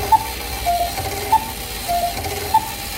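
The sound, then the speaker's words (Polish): A cuckoo clock calls the hour with its two-note high-then-low cuckoo, nine cuckoos in all, repeating steadily over a faint background hiss, with no one speaking. “Kukułka wykukała nam 9 razy kuku.”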